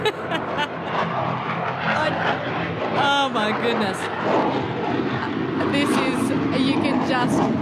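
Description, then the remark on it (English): A loud, continuous roar of aircraft passing low overhead fills the whole recording, with a brief excited exclamation from a voice rising over the noise. “They're certainly louder on when you're sitting on the ground than when you're up in the refueling plane like I was the other day.”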